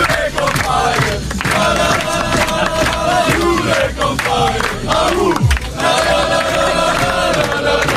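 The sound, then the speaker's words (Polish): Players of Poland's U21 national football team, coached by Jerzy Brzęczek, chant and shout together in loud, rhythmic celebration of yesterday's European Championship qualifying win, voices overlapping in a steady, sustained roar with occasional rising yells. “Zespół Jerzego Brzęczka jest ostatnio nie do zatrzymania, a zaufanie do selekcjonera piłkarze pokazali fetując wczorajszą wygraną.”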